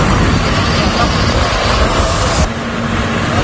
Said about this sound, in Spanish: Escucha, mira el helicóptero donde está echando.